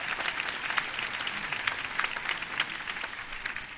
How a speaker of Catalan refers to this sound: Gràcies, finalment, a tot l'equip que fa possible aquest festival i a vosaltres, al nostre públic, per ser-hi sempre. Sí, podeu aplaudir-vos amb tots els papers.